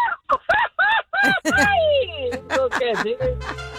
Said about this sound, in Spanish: dice … que se va a echar un grito, a ver si es cierto